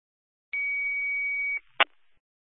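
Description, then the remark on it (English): A radio dispatch cancel tone: one steady, high-pitched beep held for about a second, then a sharp click and a brief hiss of radio static. No one speaks. “Well, I'm going to put out cancel tones.”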